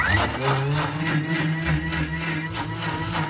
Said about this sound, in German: Das schmeißen wir dann in den Mixer rein. Und auch das nicht so lange, weil sonst gibt's auch wieder dieses schleimige Zeug. Das wollen wir nicht. 20 bis 30 Sekunden.